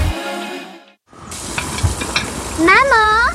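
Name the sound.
meat sizzling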